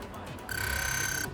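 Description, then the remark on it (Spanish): An alarm clock goes off with a single sustained electronic beep, bright and steady for under a second, while a low murmur of talk continues faintly underneath. “Comienza con tristeza ya lo oyen la operación retorno de las vacaciones, con un fin de semana para mentalizarse y prepararse para el despertador y la rutina.”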